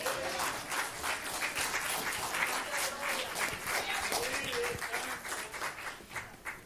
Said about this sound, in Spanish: Pueden dar un aplauso al Señor. Amén.